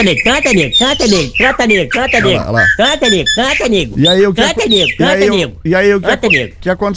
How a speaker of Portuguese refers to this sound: Cadê que o passarinho cantando é esse aqui, ó.